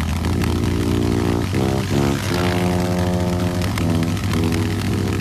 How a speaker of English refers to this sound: So I sat there, and I got on the motorcycle, and I prepared, and I put on my helmet, and I thought to myself, okay, this can be done. And I started the motorcycle, after some help, and started very, very, very slowly to go around the flagpole.